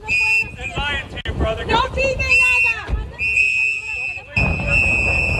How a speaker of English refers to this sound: Video shows masked agents placing handcuffed man into a black SUV. The sound from activists blowing whistles and telling the man not to talk with officers. That video from the New Bedford Light.